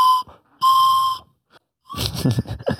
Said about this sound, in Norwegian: Tror dere klarer en …sang på fløyta?